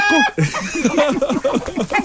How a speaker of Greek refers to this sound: Κότα, η κότα. Η κότα είναι.